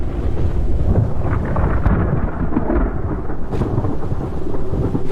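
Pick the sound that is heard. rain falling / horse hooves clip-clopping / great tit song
rain falling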